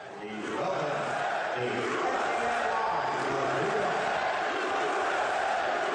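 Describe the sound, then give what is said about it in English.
A large crowd at a sports game attended by Trump chants and roars together right before he is put on the big screen, a dense, loud wall of many voices that swells in and holds steady throughout, with no single speaker standing out. “Because you're getting one form of the reaction, but they're failing to show another side of that reaction, which was right before they put him on the big screen too, and the crowd erupted with these chants.”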